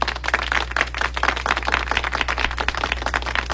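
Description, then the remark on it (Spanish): A crowd claps steadily for the Mucho Runa savings and credit cooperative, a dense, even patter of many hands with no voices over it, and a low electrical hum runs underneath throughout. “Póngale un aplauso a mucho, Runa, esta gran familia. A ver, que se escuche.”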